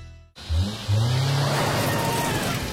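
An SUV engine, on a vehicle fitted with Link Long Grip Master CS tires, starts up and revs, its low rumble rising in pitch as it accelerates loudly and steadily, with no voices present.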